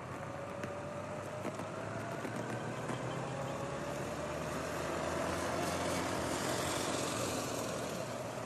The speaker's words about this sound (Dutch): Acht motoren gaan voorop en volgen zo een soort van schild.